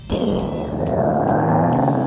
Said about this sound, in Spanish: Oye, sí, esos son los truenos de verdad. Y yo bajé el volumen y la tele y todo, y escuché, y dije, ¿será el avión? Porque como uno vive cerca del aeropuerto, de repente empieza...